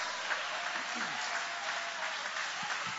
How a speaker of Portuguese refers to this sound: Isso, vai aplaudindo, glorificando, exaltando. Ô, glória!